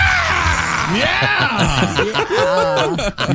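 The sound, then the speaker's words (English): A man lets out loud, strained screams and yells with swooping pitch, a recording from a CD of screams, intense over a dense, noisy crowd-like background that runs throughout. “I scream, you scream, we all scream for screams.”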